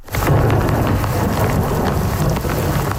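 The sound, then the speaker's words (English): A steady, loud roar of an overnight thunderstorm with a severe downpour on the island of Montreal, deep low rumbling underneath and gusty wind noise, continuous for the whole stretch with no voices. “The island of Montreal is reeling with the effects of an overnight thunderstorm.”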